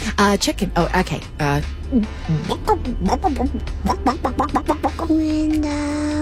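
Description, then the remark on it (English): A person imitates a chicken with a quick, irregular run of clucking sounds, fairly loud, ending on a longer drawn-out squawk-like note. “Mama, what does the chicken say?”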